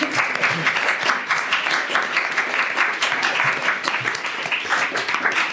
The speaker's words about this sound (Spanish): Ya estaba hablando antes off the record con este público maravilloso que nos acompaña hoy, para el que también voy a pedir un fuerte aplauso.